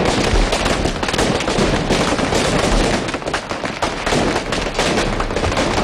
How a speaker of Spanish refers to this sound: Trop de Bac. El Trop de Bac, que es el nombre que recibe este petardo diseñado exclusivamente para el Domingo de Resurrección en Cullarvega.